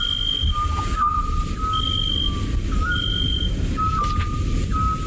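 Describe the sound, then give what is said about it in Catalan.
Eurasian scops owl calling: plain, mid-pitched whistled notes repeated at a steady pace over a constant rushing background hum, with no voices. “Això em consta que és un xot, que seria un mussol, no?”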